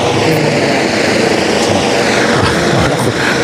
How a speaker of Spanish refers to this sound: Ahora, se nos ha posado encima un helicóptero, pero ya abandona el lugar. Hoy vamos a tener helicóptero todo el día.